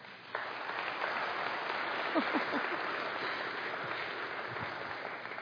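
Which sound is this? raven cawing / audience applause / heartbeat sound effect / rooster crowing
audience applause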